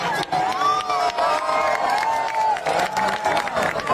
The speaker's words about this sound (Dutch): En ondanks die bewolking was het moment van die totale verduistering toch wel degelijk spectaculair. En dat zorgde dan ook voor luid gejuich op het strand.